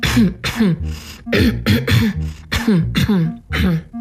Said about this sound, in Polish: I czas na nowe ćwiczenie. Chrząkajcie, pokasłujcie, ale starajcie się wypuszczać powietrze tylko przez nos, nie przez buzię. I będzie to brzmiało mniej więcej tak.